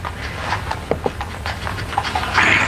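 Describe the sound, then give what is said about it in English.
A horse's hooves knock a few times at an uneven pace, with sharp clops standing out over a steady low rumble and hiss of background noise. No one speaks. “I think it's the horse.”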